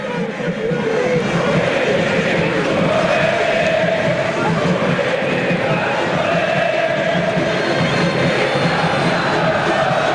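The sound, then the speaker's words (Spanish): A football stadium crowd at an Argentinos Juniors versus Tigre match in Argentina roars and chants steadily for the whole stretch, a dense, unbroken wall of many voices at a constant loud level with no single speaker standing out. “Fíjate esta foto del partido, Nacho, y escuchá a la gente.”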